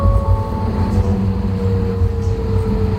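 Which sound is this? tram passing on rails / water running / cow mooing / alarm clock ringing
tram passing on rails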